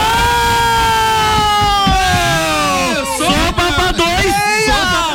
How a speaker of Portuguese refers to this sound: Mano, quando vocês forem gritar, gritem um pouquinho mais longe do microfone, eu agradeço. Eu fiquei imaginando a galera ouvindo.